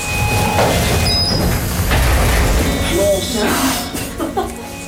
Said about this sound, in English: Elevator doors open.